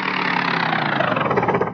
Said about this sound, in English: Okay, start up the motor again and see if he'll still turn these propellers. Here goes. Oh, now what happened? Can't you keep it running?